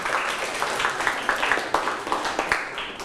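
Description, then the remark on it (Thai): A group of students in a class lesson clapping for themselves after answering the teacher's question correctly, a steady patter of many overlapping hand claps at moderate loudness with a few sharper, louder claps standing out, and no talking. “แสดงว่าเก่งมากเลยครับทั้งต้นทางและปลายทางปรบมือให้กับตนเองครับ”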